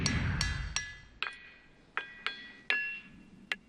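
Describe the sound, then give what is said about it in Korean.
Rocks in the seven-acre boulder field of Ringing Rocks Park, Bucks County, Pennsylvania, are struck with a hammer and ring out in bright metallic tings. There are about nine sharp strikes in an uneven rhythm. Each leaves a clear high-pitched tone that lingers briefly before fading. “7에이커에 이르는 돌밭의 바위는 독특한 성질을 지니고 있죠. 두드리면 울려요.”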